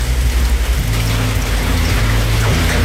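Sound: heavy rain falling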